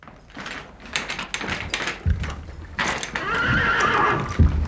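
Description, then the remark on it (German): Hooves clip-clop unevenly on a hard surface, then a horse lets out a loud, wavering whinny that trails off. No one speaks. “Dass wir dem Pferd ihren Hafer richtig kriegen.”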